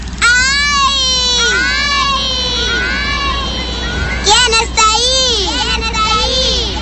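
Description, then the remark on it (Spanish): A girl's high, drawn-out shout, given as she slips while walking in the mountains with her father, rings out and is answered by an echoing repeat of her own voice bouncing off the rocks, the calls loud and wavering over a faint background hum. “Sorprendida, la niña escuchó una voz repitiendo su grito en algún lugar de la montaña.”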